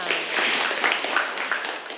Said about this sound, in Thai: ขอเสียงปรบมือให้กับตัวแทนค่ะ